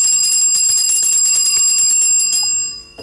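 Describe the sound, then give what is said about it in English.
A bright, loud bell rings rapidly with fast repeated strikes for a couple of seconds, then stops and its metallic tone fades out, with no voices present. “Take your bell of blessings.”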